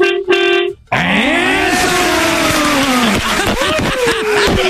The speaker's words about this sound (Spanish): A ver, quiero que toques el pito. Ahorita vas en el carro, vas en el camión. Así me mira.